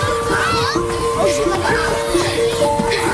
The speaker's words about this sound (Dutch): Maar het geluid van spelende kinderen wordt steeds iets zachter.